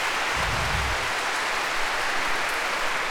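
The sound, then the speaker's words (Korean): A concert audience applauds the National Chorus (국립합창단) with thunderous applause, calling for an encore: a dense, even wash of clapping that holds at a constant loud level for the whole stretch, with no voices over it. “오늘 여러분들이 우레와 같은 박수를 쳐주셔서 앵콜 곡을 하려고 하는데요.”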